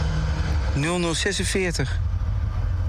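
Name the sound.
bus arriving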